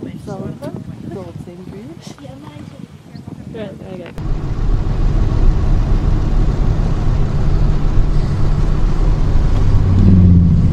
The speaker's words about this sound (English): Wow, he's pulling a travel trailer and a boat. I've seen that before.